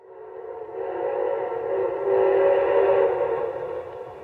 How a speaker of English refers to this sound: Train 47 arriving on track number 3.